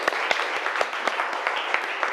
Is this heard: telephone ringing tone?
no